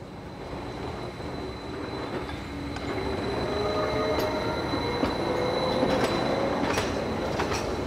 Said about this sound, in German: Im 30-Minuten-Takt fahren die Züge hinauf auf den Gornergrat.